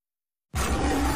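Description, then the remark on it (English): After a brief silence, a loud, deep roar bursts in abruptly and holds steady to the end, full, with a rough, rumbling growl quality, in a Simba snack advertisement. “Simba roars with flavor.”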